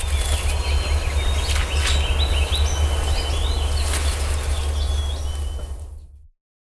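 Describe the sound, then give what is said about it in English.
Birds chirp and tweet in short scattered calls over a steady low rumble of outdoor ambience at the McKellar Island Bird Observatory, where birds are being banded in the morning. No one speaks, and the sound cuts off abruptly near the end. “They're banding birds from 6 a.m. to noon every day this month and will return August 1st for the fall migration season.”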